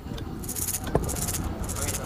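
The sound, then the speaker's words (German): A shaker rattle, a small musical instrument with small pieces inside that knock back and forth against its walls, shakes in quick, irregular bursts of bright, gritty clatter, with a single sharper knock partway through and faint background noise underneath. “Genau, diese Rassel.”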